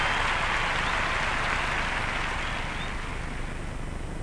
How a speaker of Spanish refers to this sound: aplauso.